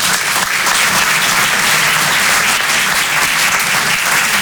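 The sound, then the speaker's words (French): A crowd applauds heterosexuals at a performer's request, steadily for several seconds, a dense, loud wash of many hands clapping at once with no pauses and no voices on top. “Applaudissez les hétéros.”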